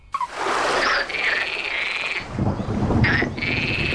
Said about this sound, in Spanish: Entonces, recuerdo, el orden es rana común con una tormenta en el fondo,